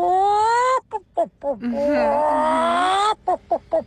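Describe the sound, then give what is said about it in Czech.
A person's voice imitates animal calls: long, wavering monkey hoots and whoops, then a few short, clipped hen clucks at the end, fairly loud with no other talking. “Je to tak, opička a slepička, savec a ptáček.”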